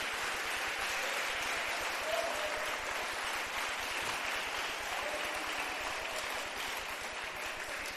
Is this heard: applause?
yes